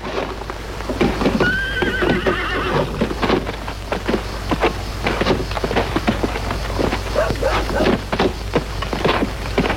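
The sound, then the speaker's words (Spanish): Horses whinny around a steady clatter of hooves, a dense rhythmic clip-clop that continues throughout, with a faint patter like rain in the background, as the horses are being changed. “Voy a cambiar los caballos.”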